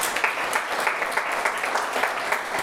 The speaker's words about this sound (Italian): Matteo Campora, non ti vedo, eccoci qua, consigliere regionale, lo facciamo venire, gli facciamo anche a lui un applauso.